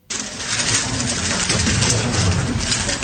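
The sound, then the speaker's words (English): A rapid, dense clatter of plastic clicks and twists, steady and fairly loud for the whole stretch, as a Rubik's Cube is speed-solved by a six-year-old girl from China in just over 4 seconds, setting a women's world record. No voices. “That's the clicking sound of a Rubik's Cube being speedily solved by a six-year-old.”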